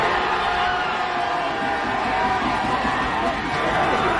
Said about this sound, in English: And Knicks fans cheering their team on the sidewalks of New York.